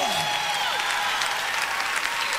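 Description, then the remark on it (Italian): Loud, steady applause from a crowd for the king, dense clapping that holds at a constant level throughout, with a faint sliding tone or two briefly rising above the noise near the start. “Oh, un applauso forte al re.”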